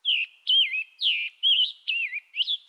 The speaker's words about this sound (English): The Scarlet Tanager's song holds a similar tune, but this bird sounds a little hoarse.